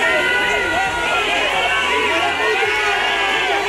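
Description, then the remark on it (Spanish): A large, angry crowd in Ceuta boos and shouts at the visiting Interior Minister, with cries of coward and traitor, a loud continuous wall of overlapping voices with jeers rising and falling throughout. “Este jueves le recibían con abucheos y con gritos de cobarde y traidor.”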